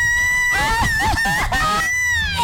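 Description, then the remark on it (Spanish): A loud rooster crow sound effect fills about two and a half seconds, a strained, wavering call that rises and bends with a honking, squawky edge, with no talking over it. “Ay, se me fue el gallo.”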